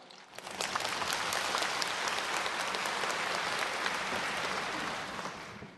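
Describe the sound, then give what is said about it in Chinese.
A crowd bursts into steady, sustained applause for a deputy minister of education. The clapping is dense and even for several seconds, then tapers off slightly at the end. No one speaks over it. “大家鼓掌一下。”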